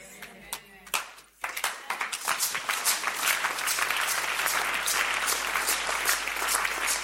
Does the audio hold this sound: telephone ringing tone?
no